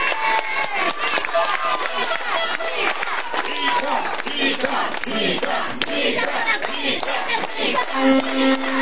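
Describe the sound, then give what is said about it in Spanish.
Loud, sustained applause from a large crowd welcoming an architect as a guest, dense rapid clapping mixed with cheers and shouts, steady throughout with voices calling out over it. “te pido un fuerte aplauso para él, por favor.”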